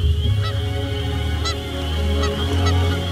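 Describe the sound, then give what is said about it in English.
Several goose honks ring out at irregular intervals, loud, over a steady low background rumble, with no one speaking. “That night after dinner, Massasoit asked Winslow to kill him a goose or duck for more nourishment.”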